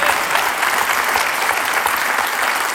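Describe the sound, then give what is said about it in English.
A crowd claps steadily, a dense, continuous wash of applause at an even loudness with no voices over it, holding the same pitch throughout. “We applaud, but in all reality, folks, this is not a dramatic announcement.”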